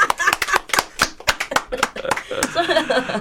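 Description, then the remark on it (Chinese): A burst of quick hand clapping, around a dozen sharp claps in an uneven rhythm, fading into voices and light laughter toward the end. “我要拍手。”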